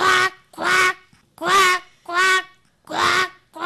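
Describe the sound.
A school student performing mimicry imitates a duck with six nasal, raspy quacks in a steady rhythm, each about a third of a second, loud with short gaps between.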